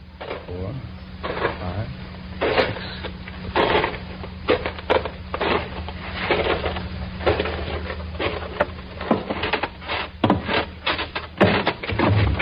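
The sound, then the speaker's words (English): Footsteps thud unhurriedly up three creaking wooden stairs of a farmhouse porch, each heavy step loud, wood groaning in between, with a low steady hum underneath. “12 steps away from a porch with 3 creaking stairs.”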